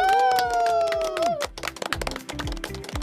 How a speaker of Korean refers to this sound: 박수